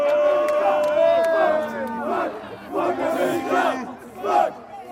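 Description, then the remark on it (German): A large stadium crowd of Belgian football fans voices loud, sustained disapproval after Malik Tillman's equalizer from a deflected free kick in minute 31, a dense mass of overlapping jeers and boos swelling and fading in waves across the whole stretch. “Trotzdem in Minute 31 der Ausgleich durch einen abgefälschten Freistoß von Malik Tillman unter den belgischen Fans macht sich hörbarer Unmut breit.”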